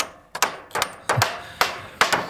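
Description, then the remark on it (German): Sharp hammer blows ring out in an uneven series of about seven strikes, some in quick pairs, clear with no voices over them, as browsing-protection fences for young deciduous trees are finished at a district forester's in Dreieinhonne in the Harz. “Wir haben es gerade gehört bei MDR Sachsen-Anhalt, beim Revierförster in Dreieinhonne, da werden Verbisschutzzäune fertig gemacht, um die jungen Laubbäume im Harz zu schützen.”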